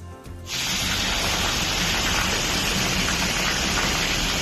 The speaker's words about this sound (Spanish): granizo en Fiñana y Abrucena, oye, gordito el granizo, ¿eh? Mira, este es el sonido clásico en la SER cada vez que pasa este tipo de cosas. Escuchamos. Bueno, el granizo en la zona norte de la provincia y en Vera, que está cayendo de lo lindo.